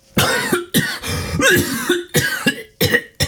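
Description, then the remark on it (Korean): A loud fit of coughing: about five harsh coughs in quick succession with brief gaps between them, standing alone with no talking. “기침이 터져나왔다.”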